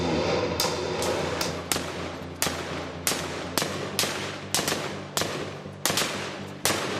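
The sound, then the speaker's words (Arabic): Gunfire from a window: about a dozen sharp, loud shots fired at irregular intervals, some in quick pairs, over a steady low rumbling background with no voices; a soldier opens the door and the shooting starts again. “اكثر شيء مؤثر بالنسبه لي في الموضوع لما فتح الباب الجندي، كان في اطلاق نار من الشباك وفتح الباب بده يتاكد 100% ورجعوا كمان مره كملوا.”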